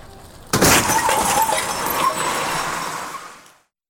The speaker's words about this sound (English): I must have been dreaming. I thought I crashed the car.